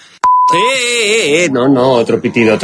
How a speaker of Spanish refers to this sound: No, otro pitido. Pitido y pixelamos. Sí, las dos cosas, sí.